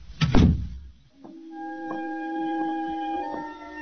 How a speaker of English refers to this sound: Close the kitchen door behind you.